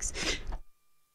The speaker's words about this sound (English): Sorry about that, just had to sneeze.